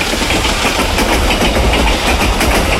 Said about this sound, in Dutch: Ja, een trein. Daar komt ie. Oh, het gaat hard.